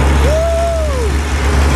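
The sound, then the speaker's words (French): A just-started engine of a rear-steered, manual-gear vehicle roars with a steady, heavy low rumble as it accelerates onto a track, while a thin whining tone rises, holds for about a second, then slides back down. “Ça y est, on fonce sur la piste.”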